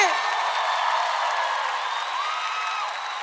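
A crowd applauds steadily for a few seconds, dense clapping mixed with cheers and high whoops, loud throughout and fading only slightly at the end.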